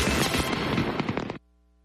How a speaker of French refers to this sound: À 22h, le ciel s'illumine avec de spectaculaires feux d'artifice.